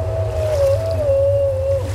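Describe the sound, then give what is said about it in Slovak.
The sea monster Skylla, with twelve legs and six necks, barks and whines in a drawn-out, wavering cry that rises and dips steadily over a deep, continuous rumble of churning sea, loud with no pauses. “A odporne šteká a kňučí rozďavený hrtan.”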